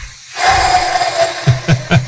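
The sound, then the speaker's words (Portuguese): A long, airy hissing fart that streams out steadily as a breathy whoosh, then finishes with three short, soft, low puffs. “Se o peido da sua mulher sair assim.”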